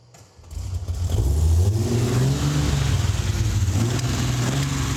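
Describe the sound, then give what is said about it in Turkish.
A carbureted car engine is started for the first time after its exhaust, carburetors and cooling system were fitted; it cranks and catches, then revs up loudly and settles into a rough, throaty run with uneven rises in pitch, with no one speaking. “İlk kez çalıştırıyorum ama şimdiden muhteşem ses çıkarıyor. Ufak tefek ayarlamalar yapmak lazım tabii ama karbüratörler şimdiden şakıyor resmen.”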